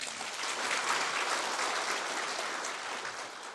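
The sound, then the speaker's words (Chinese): Steady audience applause fills the whole stretch, a dense wash of many hands clapping at an even, moderate loudness that tapers slightly at the end, with no voices standing out; students applaud to ask that a lecturer be scheduled to present again. “如果同学们有期望他下来再排一次来发表的人，请就热烈掌声。”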